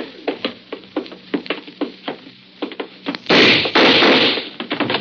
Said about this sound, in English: I got the door open.